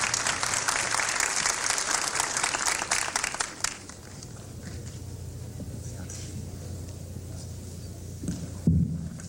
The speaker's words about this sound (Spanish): A continuación, recibimos al señor Alberto Sborowski, viceministro de Comercio y Servicios, con un fuerte aplauso para unas palabras también.